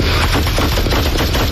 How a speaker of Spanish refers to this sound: El coche trata de ir huyendo, golpea varios vehículos en su huida. Ahí oye los disparos.